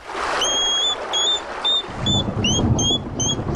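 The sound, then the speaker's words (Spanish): A hedgehog out at night on a rainy day, searching for slugs, snuffles and gives a series of thin, high whistling squeaks, about a dozen short notes, over a steady hiss of rain and a low rumbling underneath. “vamos a escuchar el sonido del erizo, que es un sonido bastante curioso que podemos escuchar alguna noche”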